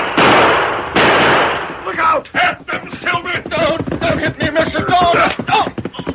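Gunfire in a shootout: two loud, booming blasts open, followed by a rapid, uneven volley of sharp cracking shots that keeps going to the end.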